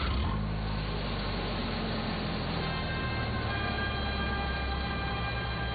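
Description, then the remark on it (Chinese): A truck arrives to carry a captain aboard, with a steady, rumbling engine drone and a constant whine layered over it, continuous and fairly loud throughout, with no voices. “卡车来了，把吴船长抬上车，轻点，轻点。”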